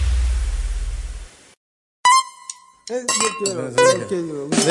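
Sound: beer bottle being opened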